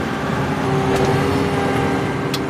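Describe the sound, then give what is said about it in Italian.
A large, heavy construction machine engine runs steadily and loudly, a constant low rumble with a droning hum and a couple of brief clanks, and no voices. “È stato interessante e anche divertente poter un po' guidare o comunque vedere queste macchine.”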